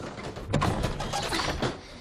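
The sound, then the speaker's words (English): A stuck antique wooden drawer being tugged, giving a run of rough, jerky scrapes and creaks over a couple of seconds, moderately loud, with no voices. “The drawer is stuck. It needs to dry out.”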